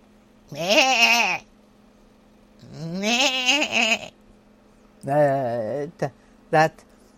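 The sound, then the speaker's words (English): A person imitates a goat with several wavering, nasal bleats, two long calls followed by a shorter one and two quick clipped bursts, loud with no other sound. “That my goat.”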